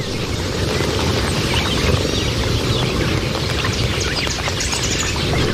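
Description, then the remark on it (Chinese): A dense, continuous wash of countless sparrow-sized red-billed quelea chirping at once, a loud, unbroken roar of tweets from a large flock at a waterhole in Tsavo, with a low rumbling undertone, no voices present. “麻雀大小的奎利亚雀每天需要喝两次水。”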